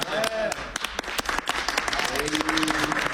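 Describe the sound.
An audience applauds steadily, with dense overlapping claps and a few sharper slaps standing out, faint voices or calls mixed into the clapping throughout.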